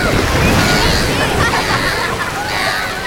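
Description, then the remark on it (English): Water sloshes and laps steadily against a boat hull, a continuous wash of splashing with muffled voices underneath. “Oh, I can't wait to get back out on the water.”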